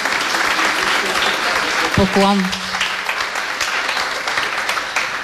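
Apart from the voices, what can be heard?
audience applause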